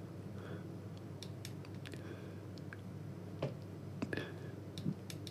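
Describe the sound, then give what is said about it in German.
A handful of small, sharp computer mouse clicks at irregular intervals, quiet, over a steady low background hum with no talking; someone is clicking the mouse to call up a song. “Ich will ein Lied abrufen, aber da brauche ich noch einen Klick der Maus.”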